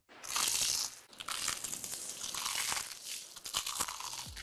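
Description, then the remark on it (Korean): Loud crunching of crispy fried chicken being bitten and chewed in a fried chicken advertisement, a dense crackly crispness that opens with a sharp bite and continues in bursts for several seconds, with no talking. “크럼프를 익혀 크런치하고 크리스피하다. 크크크 치킨.”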